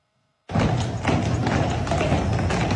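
Heavy hooves of the Budweiser Clydesdales, an 8-horse hitch of horses about 6 feet tall and 2,000 pounds, clip-clop steadily on a hard street in Savannah, Georgia, parading for Budweiser's 150th anniversary, after a brief silence: a dense, continuous, loud clatter, with a faint murmur of background noise.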